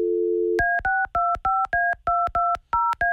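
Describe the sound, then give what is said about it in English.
A brief steady dial tone, then a quick run of about ten touch-tone beeps as a phone number is punched in again to redial someone who did not pick up, each tone short and evenly spaced, clear with no voices. “Let me call again.”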